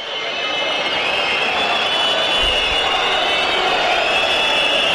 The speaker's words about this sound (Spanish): Oh, fuerte, ¿eh? Fuerte, fuerte, ¿eh? La salida de un equipo ya recibida con silbidos.